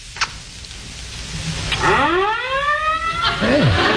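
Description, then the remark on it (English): Fire engine sirens start up after a short quiet stretch, their wailing tones sweeping up and down in pitch, with a second siren overlapping toward the end over a low background rumble; the engines are in the street right outside. “The fire engines.”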